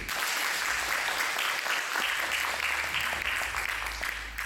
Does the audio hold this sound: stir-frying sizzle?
no